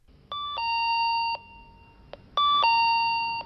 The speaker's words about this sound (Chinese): 钱多多正在他的工作室忙着服装设计，这时门铃响了，他误以为一定是许飞，可开门一看却是田惠子。